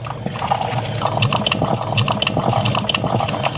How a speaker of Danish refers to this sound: For mig, der er det, når jeg har sat min kaffe over om morgenen. Mm. Og det tror jeg meget dansk lyden af kaffen, der er klar. Vi kan være, vi lige skal høre, hvordan det lyder.